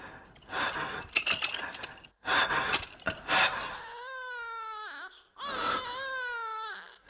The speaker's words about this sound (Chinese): 是婴儿的啼哭声吗？还是我的幻觉？不，是监狱那边的声音。怎么会有婴儿？